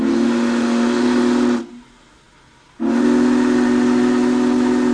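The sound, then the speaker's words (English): The whistle of Union Pacific's Big Boy 4014, the world's largest operating steam engine, blasts loudly during a whistle stop east of Argus in Marshall County: a steady chord-like tone with hissing steam, broken by a brief pause before a second long blast. “Large crowds ventured to Marshall County today to see the world's largest operating steam engine in action.”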